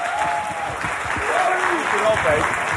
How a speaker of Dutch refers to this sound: Dames en heren, geef een warm applaus.